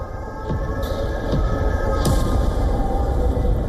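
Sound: explosion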